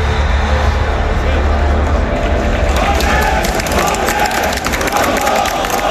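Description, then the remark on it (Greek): A crowd at a political rally where Mitsotakis is about to speak shouts and cheers continuously, a dense roar of many voices with scattered clapping and whistles, loud and sustained throughout. “Φωνάζουν τώρα εκεί πέρα 10 νοματέοι, πώς είναι.”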